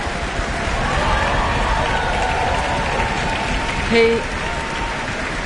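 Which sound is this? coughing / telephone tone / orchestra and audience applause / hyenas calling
orchestra and audience applause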